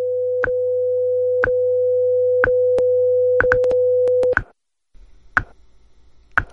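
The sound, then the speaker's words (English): A top-of-the-hour radio time signal on station WIZULP, Newark: a steady electronic tone with a sharp tick every second. The tone cuts off after about four seconds, and a few more ticks sound over a faint background. “At the tone, we've reached the top of the hour.”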